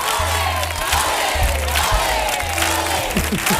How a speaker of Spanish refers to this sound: Maravilla, un aplauso maravilla. Fuerte, fuerte, fuerte. Atronadora la ovación.